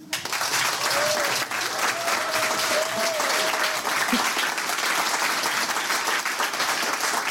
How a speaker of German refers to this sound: Applaus